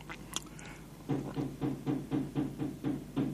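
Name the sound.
knocking on a door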